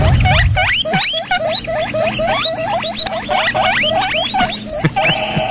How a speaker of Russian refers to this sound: теперь представьте, если их будет очень много, этих самых морских свинок, и все они будут в одном месте. Что там получится? Получится приблизительно такое.